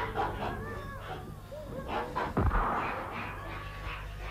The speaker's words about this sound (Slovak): Pán znovu vystrelil.